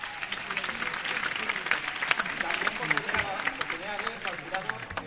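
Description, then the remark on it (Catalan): A crowd in an auditorium at the Sitges film festival applauds the jury of the official competition section steadily and loudly for about five seconds, a dense wash of many hands clapping, while a voice speaks over it. “Un aplaudiment pel jurat.”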